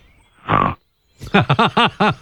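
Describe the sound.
A voice imitates a pig: one breathy, rasping snort, a short pause, then five quick, loud grunting oinks in a steady rhythm, each with a rising-falling pitch.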